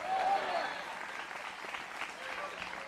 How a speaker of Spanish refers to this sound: Dele fuerte ese aplauso, sea para Él. A su nombre.